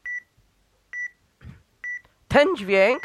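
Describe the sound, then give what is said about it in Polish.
A camera's warning beep, signalling that something (a hand) is covering the image as the shutter button is pressed, sounds three times, each a short, steady high-pitched tone at an even rhythm about a second apart. A voice begins speaking right after the third beep. “Ten dźwięk oznacza, że coś zasłania obraz.”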